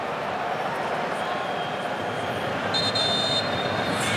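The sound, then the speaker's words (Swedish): A referee blows one short, shrill whistle blast during a football match between Spain and Cape Verde, under a second long, rising above a steady, dense roar of crowd noise that fills the whole clip. “Så blåser domaren och ska prata med någon.”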